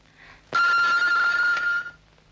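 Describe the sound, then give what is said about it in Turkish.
A telephone rings once in a sustained bright electronic burst lasting about a second and a half, loud, then cuts off into quiet room tone; a call from Istanbul is connecting. “İstanbul bağlandı, babanız telefonda”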